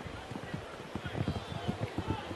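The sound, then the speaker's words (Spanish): Rain striking the ambient microphone in a baseball broadcast booth: a steady, irregular patter of dull, low thumps and taps, fairly loud and continuous throughout, with a soft hiss of rainfall behind the hits. “Mira, Oscar, se oye el sonido de la lluvia aquí en la cabina, Oscar, con los micrófonos. Sí, pegando en el micrófono ambiente.”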